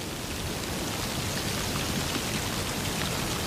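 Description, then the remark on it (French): Fine, light rain falls steadily with a soft, even hiss and faint pattering of drops, fairly quiet and continuous throughout, with no voices. “Une fine pluie éparse”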